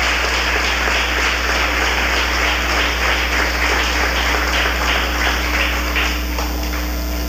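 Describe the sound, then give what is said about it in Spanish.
A church audience applauds in welcome for first-time visitors, steadily for about seven seconds; a dense, crackling wash of many hands clapping at once, fairly loud and even throughout, with no voices over it. “Le vamos a dar un gran aplauso de bienvenida a cada uno de ellos.”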